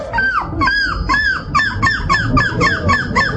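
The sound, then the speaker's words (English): A voice imitates a bird call: a rapid, steady string of about ten loud, squeaky rising-and-falling chirps, with no talking. “How do you do that? That sounds just like a bird.”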